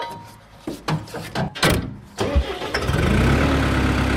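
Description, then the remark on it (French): A few clunks and rattles, then a diesel tractor engine cranks and catches, settling into a loud, steady low rumble, heard from inside the tractor. No one speaks. “Maintenant, on est dans votre tracteur.”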